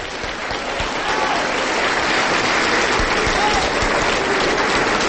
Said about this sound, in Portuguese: Vamos aplaudir mais, igreja. Vamos aplaudir mais.